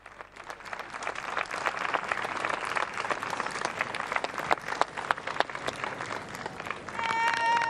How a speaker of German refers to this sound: Applaus von den Anwesenden des UNESCO-Jugendforums.